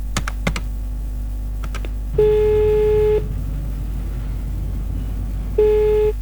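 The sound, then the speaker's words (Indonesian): A few quick button clicks as a phone number is dialed to call someone and ask for more coffee, then two steady ringback tones, each about a second long with a pause between, with no talking. “Saya telepon Pak Parjo sih, minta buatin kopi lagi ah.”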